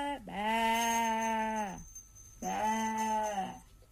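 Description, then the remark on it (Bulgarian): Two long, wavering sheep bleats, the first drawn out for over a second, the second shorter after a brief pause, with no talking around them. “Сякаш царицата изведнъж се увива вълна и заприлича на овца.”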